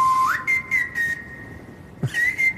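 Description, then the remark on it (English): A clear whistled melody with a sliding rise into long held notes, riding over a sparse beat of crisp hi-hat and snare hits, with a brief pause before the whistling resumes. “Snare drum, hi-hat. And then someone's whistling on the top, yeah.”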